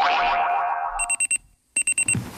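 A springy descending boing gives way to an alarm clock's shrill electronic beeping in two quick bursts of about four pulses each, split by a brief silence. Close and clear, with no voices.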